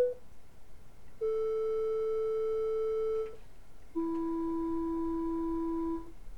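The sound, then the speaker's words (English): Steady electronic pure tones giving the frequencies of Pythagoras' harmonic hammers: a brief clipped tone, then a sustained mid-pitched hum for about two seconds, and after a short gap a slightly lower, equally steady tone. “So these are the sounds for each of the hammers.”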